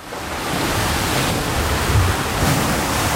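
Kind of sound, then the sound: nature, sea waves heard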